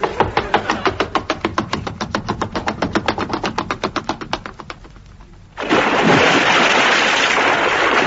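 A boat engine chugs in a steady rapid rhythm, fades into a brief lull, then gives way to a loud, sustained rush of sea waves crashing and washing. No one speaks.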